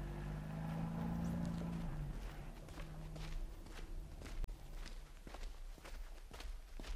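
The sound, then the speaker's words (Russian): Soft, muffled footsteps of people going on foot in complete silence during an operation, at a steady pace, each step a light scuff, while a low engine hum idles underneath for the first few seconds and then fades away. “Машину убрать, дальше пешком, соблюдать абсолютную тишину.”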